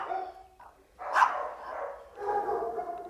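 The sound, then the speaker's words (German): Dogs bark in overlapping bursts in a full kennel at an animal shelter in Germany, a sharp cluster about a second in and a longer run of barking toward the end, with a dense, busy background. “Birgit sieht in ganz Deutschland volle Zwinger.”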